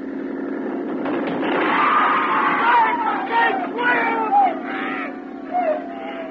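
People on a crowded boat, including women and children, scream and cry out in panic as another boat runs it down, overlapping shrill wails rising and falling for several seconds over a steady low rumble like a boat engine.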